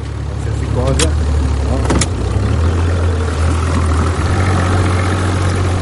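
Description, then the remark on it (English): A boat engine drones steadily, a deep constant rumble throughout, with brief voices and a couple of sharp clicks near the start, during a boat trip across Porto Novo's bay to see a reef covered with black mussels. “A boat trip across Porto Novo's bay to see the reef covered with gleaming black moscioli.”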